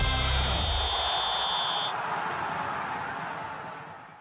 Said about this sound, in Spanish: El silbatazo suena, rueda el balón y la pasión se enciende ahora.